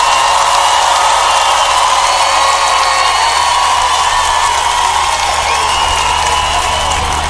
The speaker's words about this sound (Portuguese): Tardezinha, por favor, os aplausos de vocês pro autor da obra.